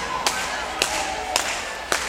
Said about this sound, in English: to get this next tune started, we need a little bit of hand clapping out there.